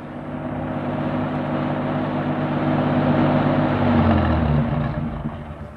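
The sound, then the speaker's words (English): A car engine hums steadily as the vehicle drives along to Rockfern Avenue, its low rumble rising slightly and shifting pitch near the end as it slows, with no voices. “Then Reg and I went to the car and drove to Rockfern Avenue.”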